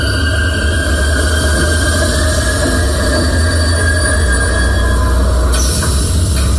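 A train rolls steadily along the rails with a loud, continuous low rumble, thin metallic wheel squeals whining above it, and a brief clatter near the end.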